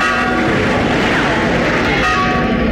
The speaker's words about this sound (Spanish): Oíd, padre. La campana de San Lorenzo toca rebato.